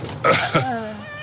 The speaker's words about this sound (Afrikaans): Een kat. Hele werpsel kleintjies in die bus.